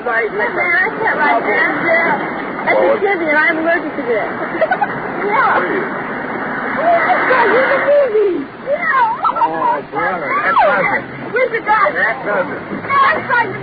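A dense, lively chatter of seven juveniles' overlapping voices, loud and steady throughout, with excited rising and falling calls and no clear words standing out, as they pile into the front and back seat of a police car through the doors and windows.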